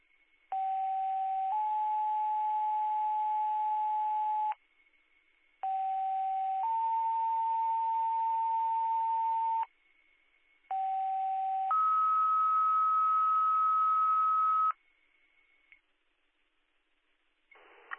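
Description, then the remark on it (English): Three loud two-tone EMS paging sequences over radio in a tone test of McGregor EMS tones, each a short lower tone stepping up to a longer steady higher tone, separated by brief pauses, with a faint constant whine underneath and no talking. “The following is a tone test.”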